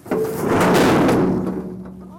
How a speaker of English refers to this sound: And then the trap door closes. And the bear is trapped inside.